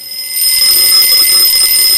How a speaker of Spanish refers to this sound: El despertador.